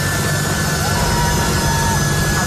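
A jet aircraft roars steadily as it takes off, a loud, dense engine rumble with a thin high whine, sustained without break.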